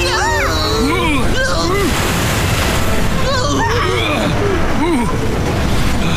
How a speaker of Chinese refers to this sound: 又来了一个巨浪！ 哦不，挡风玻璃开了，小心巨浪来了！